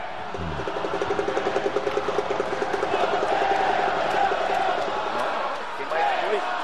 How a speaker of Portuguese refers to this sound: Uma torcida muito grande do Neymar, rapaz.